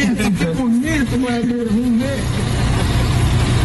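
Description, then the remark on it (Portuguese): A bus engine, heard in a played video, idles with a steady low rumble throughout, partly under an expressive voice during the first half, then continuing alone and fairly loud. “É um vídeo de quando você descobriu que você tinha um ônibus pra te acompanhar na carreira e na estrada, né?”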